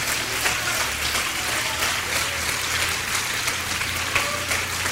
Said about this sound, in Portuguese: Venham para cá e vamos aplaudir o Senhor Jesus por cada vida que está chegando.